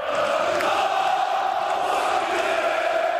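A large crowd of Fenerbahçe club members chants and cheers loudly and steadily, celebrating Aziz Yıldırım's election win, many voices blending into a continuous roar with occasional shouts rising above it.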